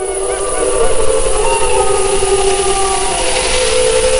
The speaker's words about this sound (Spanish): Ahí se queja un ciervo, esa tos así como de alarma, y al fondo, pues es una manada. ¿Se oyen varios? Sí, claro, las manadas, los lobos, bueno, ya hablaremos de eso más adelante, pero los lobos aullan entre ellos, ¿no?